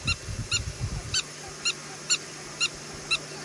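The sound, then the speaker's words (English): A prairie dog yips again and again, about seven short, high, squeaky calls in a steady rhythm roughly every half second, with a low rumble underneath at the start. “And they also yip. They yip, and it is so cute.”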